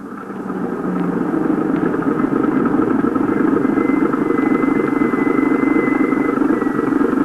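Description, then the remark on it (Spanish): A car engine rumbles steadily and grows louder over the first second, then holds at a constant roar as the vehicle draws near. No voices are heard. “¿Dónde está el coche? Por ahí, papá. Por ahí viene.”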